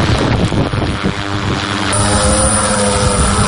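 Loud, steady whir of a heavy bomber drone's propellers spinning up for takeoff on a logistics mission on the Pokrovsk front, its batteries connected and a bag of provisions hung beneath it. A dense buzzing drone with rising intensity and no voices present.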